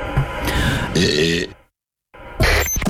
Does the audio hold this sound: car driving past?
no